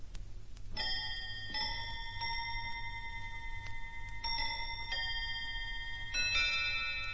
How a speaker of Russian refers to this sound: Между тем столовые часы пробили 3:15